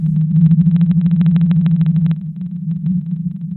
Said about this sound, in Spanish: En 1989, la Marina de los Estados Unidos descubrió esta ballena cuando sus instrumentos captaron la extraña frecuencia de su canto. Ahora escucha el canto de la ballena azul.